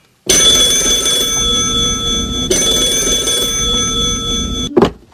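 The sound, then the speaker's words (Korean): A telephone rings in the morning with a loud, continuous electric bell in two long bursts with a brief break between them, then stops abruptly with a short clunk near the end. No one speaks. “그리고 다음날 아침에 걸려온 전화 한 통이 제 화를 더욱더 북돋았습니다.”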